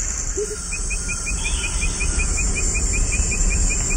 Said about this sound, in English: And those continuous sounds? Those are insects.